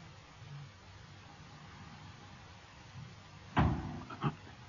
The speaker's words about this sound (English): What was that? Something hit the ship.